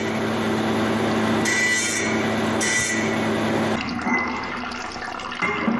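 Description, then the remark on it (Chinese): A steady grinding whir runs with trickling water, a rotary tool doing fine polishing on jade under a wet spray, grinding away rough cutting marks on a Tibetan antelope carving, briefly easing and picking up again near the end. No one speaks. “开始进行精细打磨。玉料上粗犷的切割痕迹被一点一点磨去，藏羚羊的身体表面逐渐变得圆润光滑。”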